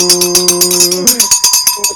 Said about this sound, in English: Ring your bell.